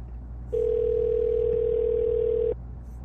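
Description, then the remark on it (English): A single steady telephone tone sounds for about two seconds, loud and unbroken, starting and stopping abruptly over a low background hum, with no one speaking. “Can't just not answer the phone.”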